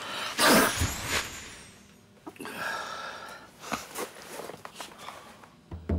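A single sharp, explosive sneeze bursts out near the start, followed by quieter rustling and faint shuffling noises.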